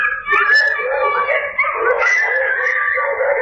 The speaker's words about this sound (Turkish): Son olayın adresi Ordu'nun Çamaş ilçesi oldu. 10 yaşındaki çocuk akşam saatlerinde sokakta yürüyordu. Önce bir köpekle karşılaştı. Sonra bir anda etrafı köpeklerle çevrildi. Küçük çocuk panikle kaçmaya çalıştı.